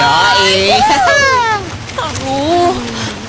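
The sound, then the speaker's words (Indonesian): Beach ambience on a hot day: a steady, loud rushing wash of waves and wind fills the whole stretch, with voices talking and calling over it. “Asik, kita di pantai.”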